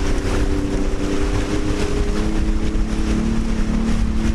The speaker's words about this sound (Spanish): Mira, Nazaret, escucha cómo suena la moto de agua aquí en el puerto de Mazarrón.